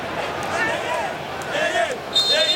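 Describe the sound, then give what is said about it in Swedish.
A large stadium crowd of DR Congo football fans at a match against England sings and chants loudly and continuously, with the dull rhythmic thumping of many fans jumping up and down mixed into the roar. “Det är Kongo-fans som hoppar och studsar och sjunger.”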